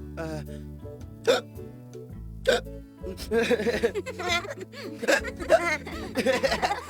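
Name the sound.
voice imitating hiccups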